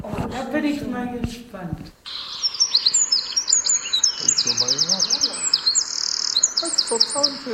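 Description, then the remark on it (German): After a short spoken remark, a Eurasian wren bursts into loud, high-pitched song: rapid trills and sharp twittering notes tumble in quick succession for several seconds without pause. “Genau, so singt der Zaunkönig.”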